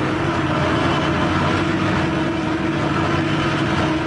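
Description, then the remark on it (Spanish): A light aircraft's engine drones loudly and steadily throughout, a dense rumbling roar with a sustained low hum, unbroken, with no voices, as the plane descends dangerously toward a clearing in the jungle to land, its fuselage shaking. “La avioneta descendía peligrosamente. El fuselaje se estremecía y parecía a punto de deshacerse.”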